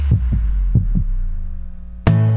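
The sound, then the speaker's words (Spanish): A heartbeat sound effect in a La Radio del Sur station jingle: two deep, muffled heartbeats, each a quick double thump, pulse over a low steady hum, then a sudden bright, ringing musical hit cuts in and sustains. “La Radio del Sur, escuchando los latidos de la patria grande.”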